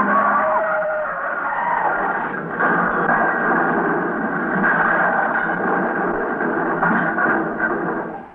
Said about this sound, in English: Look at those two cars weaving down the street. Well, they're going to crash. Look out!